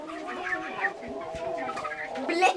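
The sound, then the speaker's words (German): Several chickens cluck and murmur continuously in a busy overlapping chatter of short throaty calls, with a few louder squawks toward the end, as schoolchildren pet them. “Nachdem einige Schüler die ersten Hühner streicheln”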